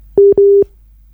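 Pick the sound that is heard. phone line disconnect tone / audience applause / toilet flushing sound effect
phone line disconnect tone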